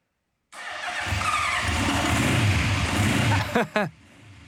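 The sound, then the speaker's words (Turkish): A motorcycle fitted with a new exhaust fires up and idles with a deep, loud rumble, then two quick throttle blips rev it up near the end before it settles back. “Ve böylece onu ateşleyeceğim. Bu yeni egzozların neye benzediğini görün.”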